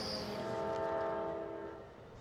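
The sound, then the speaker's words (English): A train rumbles past in West Glacier, Montana, with a long, sustained horn blast sounding over the low mechanical roar, steady and fairly loud before easing slightly toward the end. “Just about every day, I hear the rumble of trains throughout West Glacier, whether I'm inside or out.”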